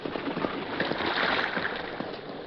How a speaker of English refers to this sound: There, he met a new and even greater hazard. The creek was at flood stage.